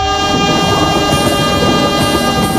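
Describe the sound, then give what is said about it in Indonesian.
A train rolls past while people wait for it to cross, its horn blaring in a long steady tone over the heavy rumble and rattle of the cars. Loud and continuous, with no voices. “Kesabaran teruji saat menunggu kereta api melintas.”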